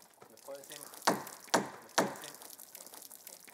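Water is poured over a cedar wood plank in three quick splashing bursts, each hissing briefly before fading, with a short murmur of voice just before them; the plank is being softened so it can be bent.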